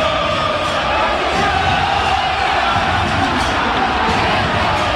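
A large crowd of Racing supporters shouts insults and jeers in anger as their team trails Tigre 3-0 in a football match, a dense, continuous roar of many voices that stays loud and steady throughout, with no single voice standing out.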